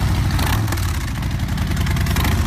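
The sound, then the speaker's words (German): A Harley-Davidson motorcycle engine idles, a loud, steady low rumble with a lumpy, pulsing beat that holds even throughout, with no voices over it. “Da geht jedem Motorradfan das Herz auf. Schon einmalig der Sound.”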